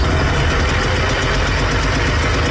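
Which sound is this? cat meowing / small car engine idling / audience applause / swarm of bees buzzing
small car engine idling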